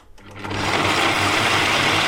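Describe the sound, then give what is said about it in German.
A kitchen blender whirs up to full speed within a fraction of a second, then roars loudly and steadily, a dense motorized buzz with no voices over it. “Wow, ganz schön laut dieser Mixer hier.”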